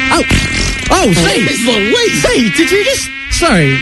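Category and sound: insect, mosquito buzzing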